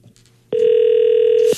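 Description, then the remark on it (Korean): A single loud, steady electronic ringback tone of an outgoing phone call from the Far East Broadcasting radio station to a listener sounds for about one second after a moment of near silence, with nobody picking up or speaking. “0339번님, 극동 방송에서 전화하고 있어요.”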